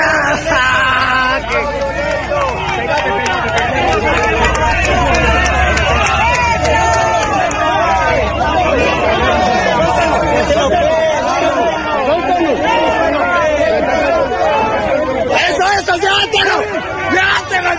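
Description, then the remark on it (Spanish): A dense crowd of protesters in Llano Grande shouts and clamors loudly and continuously, many voices overlapping in an agitated hubbub, as one protester takes a man's bat and runs off with it, with a sense of people moving and rushing about. “Uno de los manifestantes le quitó el bate y se lo llevó corriendo.”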